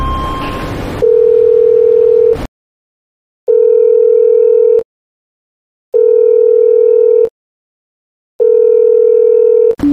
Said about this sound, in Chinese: 好，我现在就找黄总监，那工作人员用我那个手机，给那个黄总监打电话联系一下。